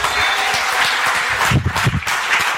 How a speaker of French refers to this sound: Est-ce qu'on peut applaudir le Seigneur?